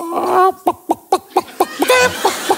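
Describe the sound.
A person does a loud vocal chicken imitation: a drawn-out squawk followed by a rapid string of short, rhythmic clucks, ending in another squawky burst and a few more clucks.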